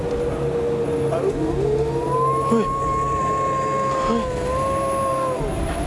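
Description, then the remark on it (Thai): A dog howls in a village in one long, drawn-out note that slides upward, wavers steadily for several seconds and then trails off, heard over a low, steady background rumble. “เฮ้ยพี่ทำเสียงหมาหอนไหมเนี่ย ใครทำ เอ้า ไม่ได้ทำ ไม่ได้ทำแล้วมันหอนอะไรอ่ะ รู้แล้วหมามันหอนอะไร”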